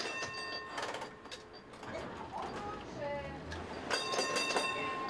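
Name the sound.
tram running on rails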